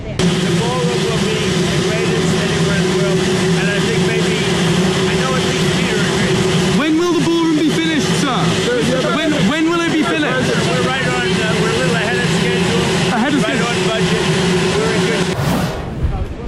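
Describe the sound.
A loud, steady helicopter roar at the White House fills the whole recording, a dense droning rumble with a constant hum, while a man speaks over it, his voice partly buried in the noise.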